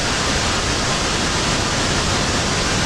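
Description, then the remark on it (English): Steady pink noise plays continuously at a constant level before going to bed, a soft, even hiss weighted toward the low end, like a waterfall rushing without pause or variation. “Right, a little more pink.”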